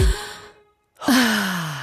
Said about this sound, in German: Du darfst gleich wieder aufhören zu atmen. Warte, letzter Atemzug.